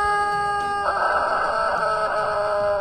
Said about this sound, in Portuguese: É genética de galo que canta espichado.